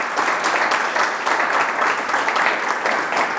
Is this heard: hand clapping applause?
yes